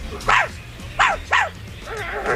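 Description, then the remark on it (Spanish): A person imitates the shrill barking of a neighbour's chihuahua named Plotsky: three sharp, high yaps in quick succession, then a softer, drawn-out whiny yelp, fairly loud. “Puto chihuahua de los cojones.”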